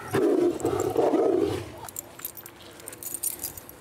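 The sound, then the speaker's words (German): A tiger named Sascha lets out a deep, rumbling growl at feeding time to claim its food first, lasting about a second and a half, then fades, leaving faint jangling and rustling noises in the background. “Und dann musste Sascha jetzt einmal kurz sagen, hey, ich bin der Erste, der sein Essen rausholt.”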